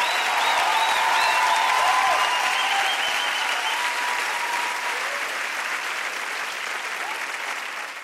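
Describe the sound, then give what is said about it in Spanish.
A crowd applauds loudly and steadily, with a dense wash of clapping and some cheering or whistles on top, slowly tapering off toward the end. “Ese aplauso”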